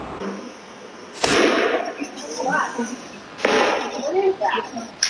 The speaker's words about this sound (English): You can hear the gunshots ringing out in security camera footage shortly after 8 p.m. as the chaos unfolded. Thousands ran for their lives when the vibrant festival celebrating Latin culture took a deadly turn.